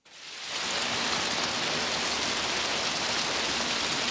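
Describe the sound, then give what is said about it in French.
Steady rain pours down in a garden, a dense, even hiss of drops pattering on surfaces, swelling in over the first half second and then holding constant and fairly loud with no voices. “Et elle chercha dans le jardin tous les endroits où les gouttes de pluie tombaient le plus fort.”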